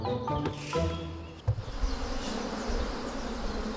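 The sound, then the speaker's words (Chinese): A dense swarm of honeybees drones steadily in a mountain forest on a sunny midday during colony splitting, as the queen and bees are drawn into a cone-shaped bee hood, many overlapping buzzes forming a continuous hum, with a soft thump partway through and no voices. “蜜蜂喜阴凉，午时刺热的阳光照射丛林，这正是分蜂的好时机。”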